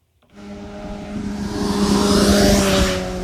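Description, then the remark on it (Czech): A speeding motorcycle roars past close by a speed radar in Nová Rabyně, going well over 50 or 60 km/h, its engine whine rising to a loud peak and sweeping through in a single rushing pass with no talking. “Stojím v Nové Rabině přímo u radaru, okolo mě právě teď prosvištěl motorkář, který podle mě 100% může očekávat pokutu, protože rozhodně jeho rychlost nebyla 50 ani 60 km v hodině.”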